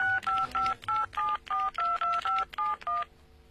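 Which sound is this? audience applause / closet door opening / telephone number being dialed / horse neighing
telephone number being dialed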